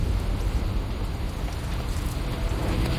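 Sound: rain falling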